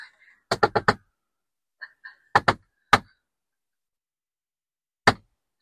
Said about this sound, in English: We do have a secret code knocker. We do. It goes like this.